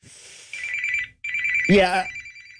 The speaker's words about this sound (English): yeah, I gotta answer the phone. That's a bill collector.